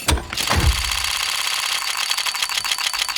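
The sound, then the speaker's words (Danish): A Counter-Strike video game loot box case opening: a whoosh and low thud, then a bright, rapid run of metallic ticks that spins on steadily under a shimmering electronic tone, with no talking. “Men det er faktisk en lootbox inde på spil Counter-Strike.”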